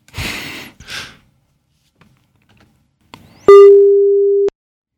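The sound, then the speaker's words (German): A few breathy exhales, then a short pause before a single loud, steady studio telephone ringing tone, placing a call for a live radio conversation, sounds at a constant mid pitch for about a second and stops abruptly. “Immerhin klingelt es.”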